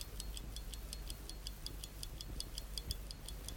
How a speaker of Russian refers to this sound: Вот, часы пошли. Часы идут, ребята.